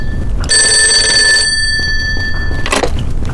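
A telephone bell rings loudly, a sustained metallic trill that fades into a lingering tone before a second brief burst of ringing, with a low rumble underneath.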